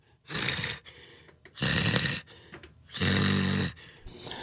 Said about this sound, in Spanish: Ya, párale, …. Párale ya, …. Oye, ya no sé quién respira más fuerte, güey, si tú o el …. Yo pienso que yo, compadre. Ninguno de los dos deja oír el otro.